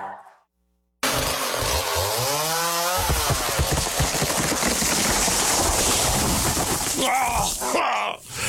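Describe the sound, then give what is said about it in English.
A chainsaw starts up and revs loudly, then bites into a tree with a dense, steady roar for several seconds, before a brief groan-like sound near the end. “Timberscape specializes in tree preservation, maintenance, and the removal of hazards.”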